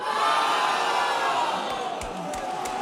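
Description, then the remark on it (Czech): A football crowd at Letná stadium roars in celebration of Antonín Hoď's goal putting Slavia Prague 1-0 ahead of Hungária, a dense, sustained wall of cheering that stays loud throughout, with a few sharp bursts and whistles rising near the end. “Antonín Hoď poslal míč do hudofecké Hungárie a obecenstvo na Letné dá svou radost náležitě na jeho.”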